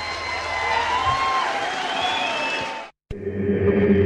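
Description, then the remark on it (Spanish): A large audience in Mexico applauds and cheers loudly for a performer for about three seconds before being abruptly cut off; after a brief silence, music starts up. “un aplauso enorme para él.”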